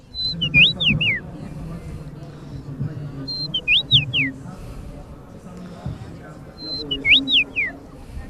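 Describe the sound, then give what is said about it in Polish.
A common rosefinch, a small bird with brownish-red plumage, sings its clear, flute-like whistled phrase three times, each short rising-and-falling song spaced a few seconds apart, carrying over a low, murmuring background. “Umaszczenie ma takie brunatno-czerwone i ma taki ładny fletowy dźwięk, wydaje. Tak sobie właśnie pogwizduje, tak jak ja właśnie teraz.”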